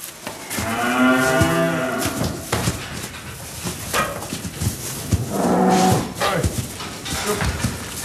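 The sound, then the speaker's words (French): Angus beef suckler cattle moo loudly, two long drawn-out lows with rich harmonic tones, separated by a short pause, over a busy barnyard background with faint rustling. “vous nous parlez de bovins Angus, de porc sur paille.”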